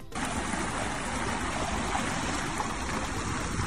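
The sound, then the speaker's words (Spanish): Seawater rapidly recedes during a meteotsunami at Jávea, Valencian Community, seafront, the water level suddenly dropping considerably: it rushes and churns loudly in a steady, continuous flow, a dense hiss of moving water with low turbulent rumble and no voices, holding level for a few seconds. “Te cuento, de manera repentina, el nivel del agua baja considerablemente. Es un fenómeno conocido por la ciencia y que se llama meteotsunami.”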